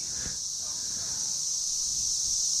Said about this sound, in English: The warbling chirr of the cicadas.